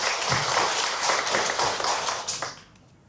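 A crowd applauds steadily for a few seconds, a dense wash of clapping hands that fades out near the end, with no voices over it.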